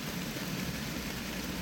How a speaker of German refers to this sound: Und ihr hört heute Atmos vom Regengeräuschen.